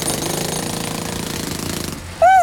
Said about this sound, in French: N'aie pas peur, mon doudou. Ce sont les marteaux-piqueurs qui creusent le sol, qui te donnent l'impression que la terre tremble.